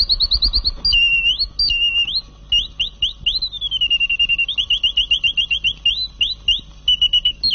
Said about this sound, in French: Un jour à Noël, Laure Duvine m'a envoyé un petit oiseau mécanique que je vous ai apporté, que je vais vous faire entendre. C'était avec un bouquet de fleurs.